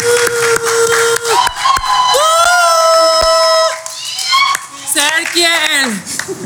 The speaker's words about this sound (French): Je vous demande de faire un tonnerre d'applaudissements pour Madame Michèle Sogib.